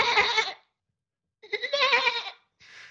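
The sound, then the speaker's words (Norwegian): A person imitates a goat with three wavering, nasal bleats: a short one, a longer quavering one after a pause, then a fainter trailing one. The bleats are fairly loud. “lagde lyden av en geit.”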